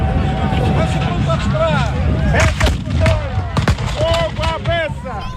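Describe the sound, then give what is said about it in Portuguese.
Several loud, sharp cannon blasts from the Cerco de Almeida (Siege of Almeida) historic reenactment in the municipality of Almeida ring out in quick succession over a constant murmur of crowd voices and raised shouts of firing orders. “Abaixo, se você está atacando, peça número 1. Fogo à peça!”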